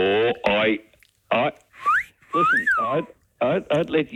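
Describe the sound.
A person gives a wolf whistle, a sharp rising note followed by a long arcing swoop downward, set between bursts of talking voices.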